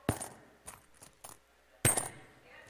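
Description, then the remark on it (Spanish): Coins are tossed, clattering and dropping in a few separate bursts: a bright metallic hit, several smaller clinks, then another sharp jingle as more coins land. They are thrown to celebrate a woman's birthday. “Ahí están echando monedas, sí, mire, gloria a Dios.”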